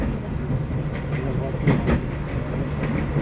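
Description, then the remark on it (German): Train wheels clickety-clack over rail joints, a few rhythmic knocks rising from a steady rolling rumble inside a moving carriage, with faint murmuring voices in the background. “Das ist schön mit diesem Klick, Klack, Klick, Klack. Wie zu DDR-Zeiten in den Zügen so.”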